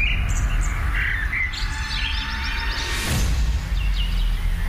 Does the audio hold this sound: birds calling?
yes